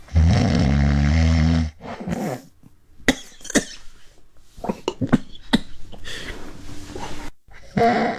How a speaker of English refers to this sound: You hear that strained kind of sound when it comes to the snoring there? It is possibly indicative of obstructive sleep apnea, where you are gasping, struggling to have that breath go in. It's different from regular traditional snoring.